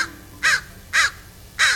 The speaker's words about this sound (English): So you're walking down the street, and a trash can's been tipped over, and eagerly picking through the riches strewn across the sidewalk are several black birds. They're crows. Or ravens. No, definitely crows.